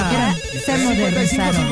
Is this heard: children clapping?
no